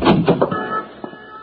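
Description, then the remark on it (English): A few quick mechanical clunks and rattles, like a lock and handle being worked, then a locked street door being unlocked and swinging open with a soft scrape and a faint bump. “Yes, and so is this one to the street.”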